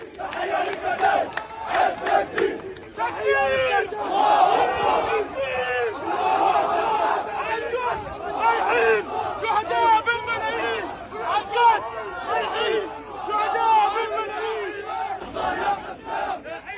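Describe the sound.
A large crowd of mourners shouts and chants together in a dense, continuous roar of many voices, with rhythmic collective cries rising and falling throughout.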